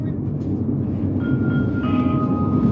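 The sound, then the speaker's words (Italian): Steady rumble of a regional train approaching Chiasso, continuing as a Regio Express toward Lugano, heard from inside a carriage, with thin whining tones that appear partway through and hold over the constant low roar. “Prossima fermata, Chiasso. Questo treno prosegue come Regio Express Marta D per Vitrisio, Lugano, Giubiasco.”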